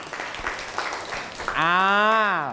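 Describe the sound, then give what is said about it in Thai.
A classroom group claps for a student in a brief, scattered round of applause lasting about a second and a half, then a loud sustained ringing tone takes over to the end. “เก่งมากปรบมือให้เพื่อน”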